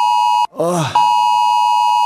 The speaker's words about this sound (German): Ey, wirklich, es war ein schlechter Tag, um Ohren zu haben. Bin echt jedes Mal wieder überrascht, wie laut so ein Handy eigentlich sein kann.